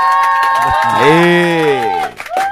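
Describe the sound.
A studio audience at the Rádio Imigrantes FM radio station cheers over a steady wash of clapping to welcome a guest, with one loud voice holding a long rising-then-falling whoop before the noise briefly dips near the end.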